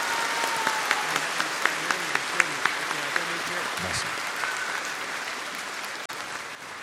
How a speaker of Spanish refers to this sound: Démosle un fuerte aplauso desde el corazón